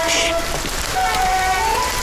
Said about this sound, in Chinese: 你上来，下雨呢。